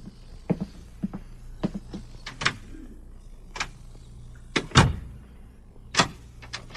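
A door closing and locking: a series of sharp mechanical clicks and clunks, irregularly spaced, with a heavier thud partway through, over a faint steady hum.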